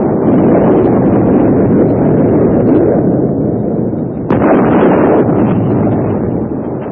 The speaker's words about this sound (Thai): เสียงฟ้าร้องฟ้าลั่นสะท้านสะเทือนไปทั่วพื้นผิวเสมือนเทวดาฟ้าดินจะรับรู้ในมหาทานครั้งนี้